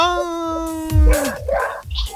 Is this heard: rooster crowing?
no